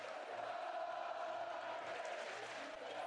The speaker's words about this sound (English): The crowd hasn't sat down in an hour, and it's thunderous.